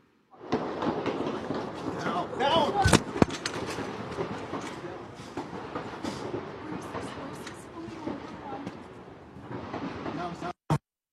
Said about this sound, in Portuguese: imagens divulgadas pela rede americana ABC News mostraram uma repórter se abaixando para se proteger enquanto tiros eram disparados nas proximidades da Casa Branca em Washington.